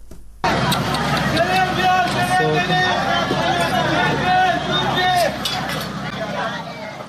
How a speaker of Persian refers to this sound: این صداها نخستین دقایق پس از وقوع انفجار در یک مراسم عروسی در سریک را ثبت کردند، جایی که بنابر گزارش هلال احمر هرمزگان در جریان حملات هوایی آمریکا ترکش‌های یک موشک به آن اصابت کرد.